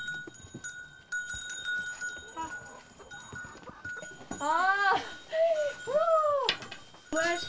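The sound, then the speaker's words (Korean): Young calves, left behind in a farmyard while the mother cows and bigger cows are out grazing, moo and bawl: several high-pitched calls arriving in quick succession and overlapping in the second half, over a steady faint hum and scattered background noise. “어미소와 큰 소는 풀을 뜯으러 나가고 어린 송아지들만 남아있습니다.”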